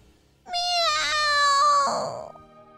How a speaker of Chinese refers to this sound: 饿了一整天的闹使出最后的力气，用力地发出声音： 喵！